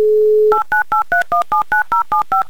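A steady dial tone hums for half a second, then a telephone number is dialed as a rapid, even run of about eleven short touch-tone beeps, each a slightly different two-note pitch.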